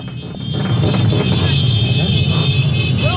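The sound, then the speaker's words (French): A dense, continuous blare of car horns sounding together over a loud street din at Roissy as the two PSG team buses are about to leave, with low engine rumble and indistinct crowd voices filling the background. “J'ai pas tout entendu parce qu'il y a énormément de bruit ici, vous l'entendez, je pense qu'il y a énormément de klaxons.”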